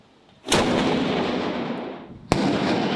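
A black powder cannon fires a loud salute shot, its deep boom rolling away in a long echo, then a second sharp crack bursts out near the end. No one speaks.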